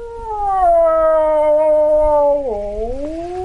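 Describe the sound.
A wildlife expert in a remote Ukrainian village imitates a typical wolf howl with one long, sustained, gently falling tone that dips lower near the end, loud, with no other talking.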